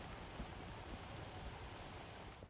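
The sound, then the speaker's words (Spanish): A heavy downpour of rain and hail pounds steadily and densely, a constant loud hiss with scattered low thuds of impacts, no voices, cutting off abruptly at the end; a sudden storm at Puebla de Sanabria, Zamora, Spain, with dozens of cars stopped on the road shoulder. “Decenas de coches parados en el arcén ante la tromba de lluvia y granizo que ha caído en cuestión de minutos.”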